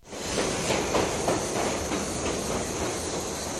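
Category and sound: vehicle, departing train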